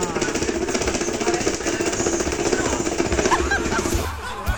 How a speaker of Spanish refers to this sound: pero es que está desbaratado ese ventilador. ¡No! Mire, hay un ventilador que suena traca, traca, traca, traca, traca.